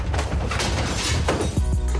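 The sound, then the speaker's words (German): A loud jumble of objects tumbling and crashing out of a car trunk, with clattering knocks and heavy thuds piling over each other for about two seconds, no voices. “Aber macht langsam mit den hinteren Türen. Vor allem im Kofferraum, sonst klingt's schnell so.”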